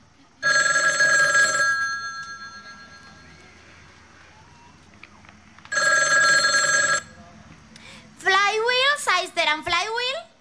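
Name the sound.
telephone bell ringing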